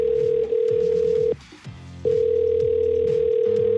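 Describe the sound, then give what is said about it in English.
A steady telephone ringing tone sounds over a music bed as a contest finalist is called, breaking off briefly in the middle before resuming and holding to the end. It is loud, with no talking. “let's see if we can get our latest finalist on the phone here.”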